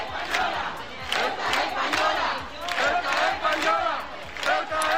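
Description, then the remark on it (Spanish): Thousands of people in the Plaza de la Constitución in Ceuta chant protest slogans in unison, "Ceuta es española" and "Ceuta no se vende", loud and rhythmic, the massed voices rising and falling in repeated phrases with a steady pulse throughout. “Al grito de Ceuta es española y Ceuta no se vende, las personas que se han dado cita desde las 8 de la tarde han mostrado su sentimiento de abandono.”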